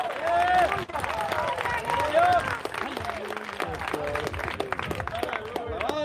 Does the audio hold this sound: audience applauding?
yes